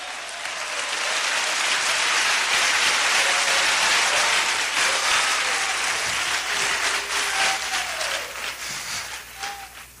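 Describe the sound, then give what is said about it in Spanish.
An audience claps loudly and steadily for several seconds in praise of God during a night worship service, a dense wash of many hands with a few faint voices and cheers rising over it before the applause starts to thin out. “Fuerte esas palmas para Dios.”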